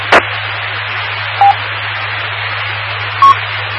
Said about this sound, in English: Nope, back to that original transmission sound there. Yeah, lots of noise, high waning pitch there, and the beep at the end. Interesting.